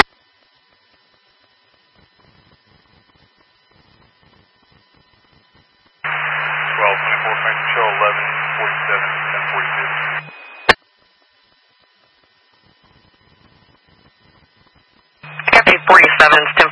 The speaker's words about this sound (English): It was static.